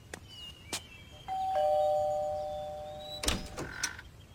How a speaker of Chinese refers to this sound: 抵达后按响门铃，好吧，那就按呗。